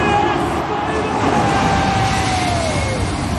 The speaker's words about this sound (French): Ce que vous entendez là, ce sont deux gros avions de ligne. Ils sont passés hier à seulement quelques dizaines de mètres du toit du stade du Cap en Afrique du Sud. Et on est juste avant le coup d'envoi du match de rugby entre les Sud-Africains